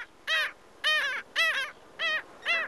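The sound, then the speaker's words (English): Black skimmer calls, a bird of sandy beaches in summer: five loud, nasal, barking yaps in a steady series, each short and harsh, with no voices present. “This is WSHU's Bird Song Break, calling our region's sandy beaches home for the summer. It's the black skimmer.”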